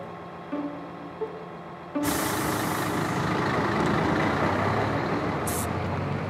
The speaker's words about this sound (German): Seit wann kommt denn die Müllabfuhr bei uns zweimal die Woche?